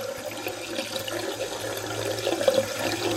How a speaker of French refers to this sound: À peu près 10 secondes pour un litre. Donc ça veut dire qu'on est à peu près à 6 litres par minute. Ouais. Avec un robinet ouvert. Avec un robinet ouvert, exactement.